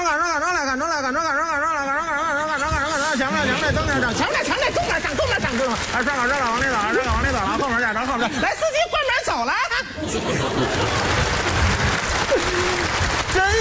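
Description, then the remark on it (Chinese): A warbling, sing-song voice imitation of a Beijing bus conductor announcing as a bus pulls into a stop gives way to an audience breaking into sustained, loud applause that runs to the end, with talking mixed in beneath the clapping. “凡是鼓掌的 啊， 都是坐公交来的。”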